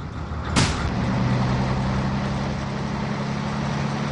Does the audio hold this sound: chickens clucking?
no